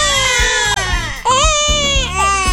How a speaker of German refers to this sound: Uiuiui, ja, ein Baby ist schon eine Herausforderung, aber so eine Mehrlingsgeburt, puh, die hat's in sich. Mehrfaches Babygeschrei, mehrere Windeln auf einmal wechseln und das Ganze im Akkord.